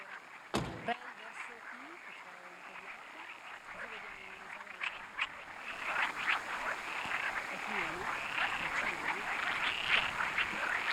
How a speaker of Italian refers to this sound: Senti le rane? Ce n'è tante?